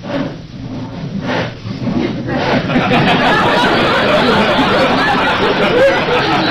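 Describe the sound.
Someone saws wood: a few evenly spaced rasping strokes give way to a loud, continuous scratchy grinding, with a murmur of voices underneath.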